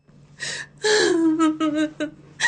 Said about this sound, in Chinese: 正说着，外面就传来了一阵哀切又掺着几分喜悦的哭声。